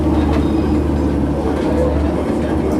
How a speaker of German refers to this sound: Das niedrige Rumpeln liegt, soweit ich weiß, auch daran, dass wir gerade auf einem eingebetteten Asphaltgleis stehen